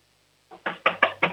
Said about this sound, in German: Okay, dann lauf jetzt mal zur Tür und klopf mal volle Kanne an. Wir wollen es richtig bumpern hören hier im Radio.